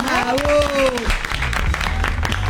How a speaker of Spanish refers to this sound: Bueno, fuerte el aplauso,